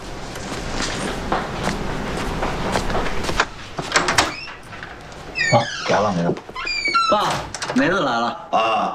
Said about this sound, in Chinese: 放心吧，走了。我开门去啊，爸。